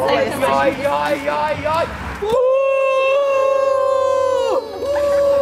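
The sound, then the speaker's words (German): A whole third-grade school class (3C) at a school cheers at a passing car during the outdoor event Auf der Bremse fertig los, rising in a noisy, overlapping cheer, then merging into one long, loud, sustained shout at a steady pitch that holds for a couple of seconds before tapering. “Und ja, manche Leute sehen schon ein bisschen verwundert aus, wenn dann auf einmal so die ganze 3C hier jubelt oder laut buht, je nachdem, wie schnell sie vorbeifahren.”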